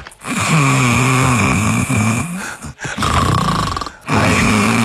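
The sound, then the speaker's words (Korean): A person imitates snoring, pushing out loud, rough, rattling snores on the exhale as real snoring does: a long one, then a shorter one, then a third that is cut off, with only brief breaks between. “이 지금 제가 이게 그 코골이의 시스템으로 소리를 낸 거거든요.”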